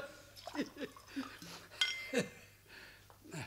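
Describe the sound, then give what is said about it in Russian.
A few short glassy clinks and taps as small shot glasses are poured and touched together for a toast, scattered unevenly with faint murmuring voices in the background. “А рюмочку, а?”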